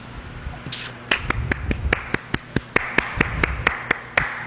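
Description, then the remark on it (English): Someone claps their hands in a steady, even rhythm: about fourteen sharp, crisp claps, moderately loud, following a brief hiss at the start. No one speaks. “What is the clapping for?”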